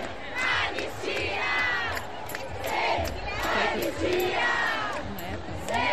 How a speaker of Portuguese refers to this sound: Para pegar os gritos de guerra que a galera tava puxando.